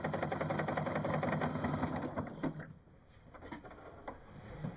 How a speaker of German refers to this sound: Nur ihre Nähmaschine hört sich heute eher wie ein Traktor an.